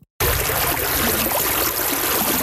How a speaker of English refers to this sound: A high snowpack and rainfall has led to increased water levels and fast-flowing water on the Bow River. It's kept rescue agencies busy in the Bow Valley.